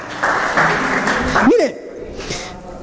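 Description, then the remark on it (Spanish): An audience breaks into a burst of steady applause for the Lord lasting over a second, with a voice calling out above it, then the clapping fades and quieter speech follows. “Dele un fuerte aplauso al Señor, por favor.”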